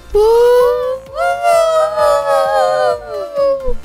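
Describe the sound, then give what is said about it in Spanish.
Several voices wail together in a rising and falling howl, imitating a siren, sustained for a few seconds with slight wavering and a loud sound. “Parecemos sirenas. Como perros.”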